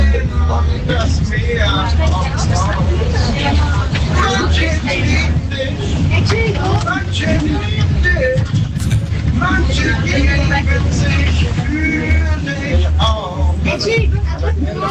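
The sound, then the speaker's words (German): A bus driver sings continuously inside a city bus on the X35 route, over the steady low rumble of the bus engine, with faint passenger chatter in the background. “der legendäre singende Busfahrer auf der X35.”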